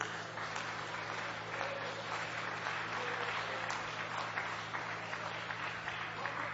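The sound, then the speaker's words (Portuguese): An audience claps for the Lord, a dense, continuous wash of applause at an even level for several seconds, with faint voices and a low hum underneath. “Quem pode aplaudir ao Senhor?”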